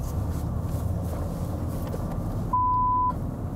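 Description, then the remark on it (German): A single censor bleep masking a customer's name on television, a steady pure high-pitched tone lasting about half a second, cuts in over a continuous low rumbling background noise near the end. “Warum es piept? Weil viele Kunden ihren Namen nicht im Fernsehen hören wollen.”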